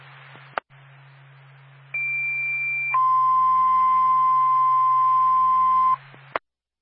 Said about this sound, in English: Twin State, Littleton Fire, standby for tone.